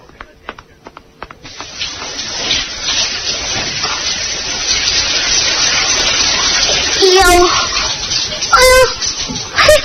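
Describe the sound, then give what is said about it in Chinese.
A shower starts after a few clicks and runs as a steady hiss of spraying water, with a couple of brief vocal sounds cutting in near the end. “我什么都不想吃，我要先去洗个淋浴澡。”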